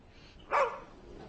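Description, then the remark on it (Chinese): A single short, sharp bark or yelp from the dog Xiaoqiao, newly in an unfamiliar environment, rings out at moderate volume against a quiet, faintly hissing background, with a brief whiny tail as it fades. “啊，小乔到了一个新环境，可能不太适应，咬了我一口，没事儿。”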